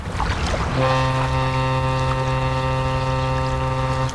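The horn of a steamship at sea, sailing from Marseille to Skikda, sounds deep and steady over a rushing sea-and-wind background, starting after a brief moment of surf noise and holding one long, loud, unbroken blast to the end.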